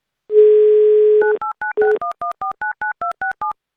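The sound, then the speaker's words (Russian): A steady dial tone gives way to a rapid run of about eleven touch-tone beeps as a phone number in Tula Oblast, Russia, is dialed for an Avtoradio call-in money game, each short dual-pitched tone evenly spaced and loud, with no voices. “Пока же мы играем на деньги, давайте звонить в Тульскую область.”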